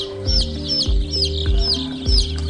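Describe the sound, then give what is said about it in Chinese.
Newly hatched chicks of special-trait breeds (crested, bearded, feather-footed, mulberry-comb), vaccinated today and being moved into a box, peep steadily in quick, high, downward-sliding notes, several together and fairly loud, over a low hum and occasional soft thumps. “我们今天防疫的这些小鸡呢，主要是一些具有一些特殊性状的一些小鸡品种，像凤头啊、胡子嘴啊、毛脚啊、桑葚冠啊。”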